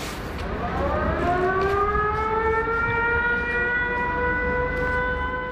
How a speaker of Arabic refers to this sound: بين إنذار وآخر يعيش الأوكرانيون، تتوقف الحياة ويهرع الجميع إما إلى الملاجئ أو المناطق المفتوحة. حمل المقاعد صار ظاهرة، الانتظار قد يدوم ساعات، ولا تستأنف الحياة إلا بعد انتهاء الهجوم الروسي ورفع حالة الإنذار.